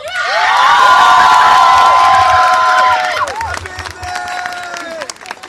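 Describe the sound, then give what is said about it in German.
A crowd at a strike demonstration erupts in loud cheering, whooping and clapping to thank everyone, including the strike leadership and strike committee who helped organize it, voices rising together for about three seconds before thinning into scattered shouts and applause. “Also deshalb möchte ich, und ich hoffe mal mit einem fetten Applaus, bei allen bedanken und auch bei der Streikleitung, bei dem Streikkomitee und jedem, die uns geholfen haben, das hier zu organisieren.”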